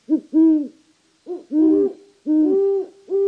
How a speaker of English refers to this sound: The mother incubated the eggs for a month, never once leaving the nest. During that month, the male great horned owl was the sole provider.